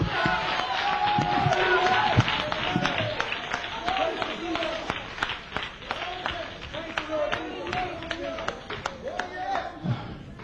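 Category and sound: crowd, audience clapping hands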